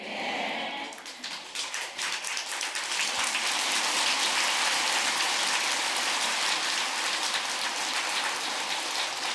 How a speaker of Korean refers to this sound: 이제 법문이 시원찮으니까 박수로 쳐가지고 법문도 좀 덜 들으려고 하는 거라 지금.